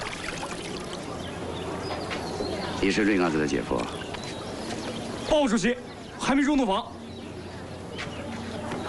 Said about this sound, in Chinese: 哎，你怎么跑出来了？ 是我放出这鸽子的，姐。